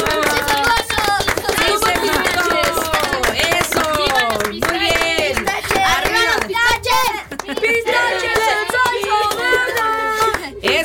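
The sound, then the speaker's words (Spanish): A group applauds steadily for about ten seconds, dense clapping mixed with loud cheering and excited voices calling out over it, for a young group that performed live on UTECA Radio. “Dense un fuerte aplauso, muchachos.”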